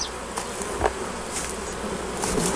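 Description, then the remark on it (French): A dense, steady drone of many honeybees buzzing around a hive being tended and closed by a beekeeper, with individual bees whining past now and then over the continuous hum; no one speaks. “Du coup, si j'ai un autre enfant, comment je vais faire pour m'occuper des abeilles ?”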